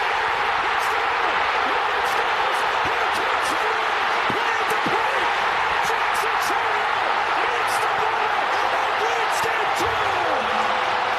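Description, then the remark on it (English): A stadium crowd roars after Chourio's bases-loaded, two-out walk-off hit in game two of the Brewers-Padres series, a loud, dense, unbroken wash of cheering voices lasting the whole stretch, with scattered sharp claps and thumps cutting through. “We saw that, and both of us, I've never heard a crowd that loud.”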